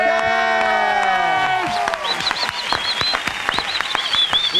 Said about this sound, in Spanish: Y qué bueno hoy poder darle la bienvenida y un aplauso, por favor, de parte de todos